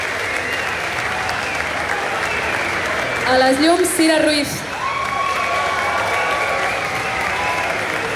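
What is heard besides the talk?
audience applause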